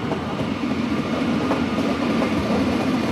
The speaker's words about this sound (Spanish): Se aproxima ya un tren, nos ubicamos a apenas 10 metros de la vía aproximadamente y guardamos silencio, ¿no?